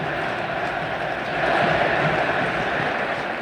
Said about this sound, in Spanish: Y dale River, dale, grita el público millonario.